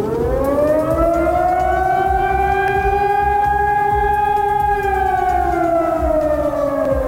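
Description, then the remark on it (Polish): A civil defense alarm siren wails steadily and loudly, its tone slowly rising then gently falling in a long sustained arc, with a low rumble underneath and no voices. “Sygnał alarmowy i co dalej?”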